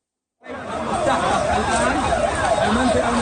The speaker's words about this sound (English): Emergency vehicles and crowds of people gather at the base of a burning building in Gaza City. Israel says the airstrikes killed a Hamas commander.